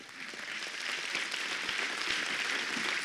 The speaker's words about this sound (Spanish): Bien, le agradecemos a Papito Dios por este maravilloso país llamado Argentina. Démosle un fuerte aplauso de agradecimiento a Papito Dios. Ahora démosle otro fuerte aplauso de agradecimiento por esta hermosa provincia llamada Mendoza.